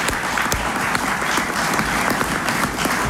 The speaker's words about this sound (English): Thank you to the teams that put this together. It's no small feat to get this many people in the same room in D.C. at the same time. Can we give our organizing team a big round of applause as well?